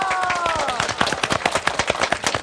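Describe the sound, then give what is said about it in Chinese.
A burst of audience applause, dense rapid clapping from many hands that stays steady throughout, with a brief tonal sound fading out at the start. The applause encourages someone about to try playing an unfamiliar musical instrument. “试一下， 掌声鼓励一下好不好？”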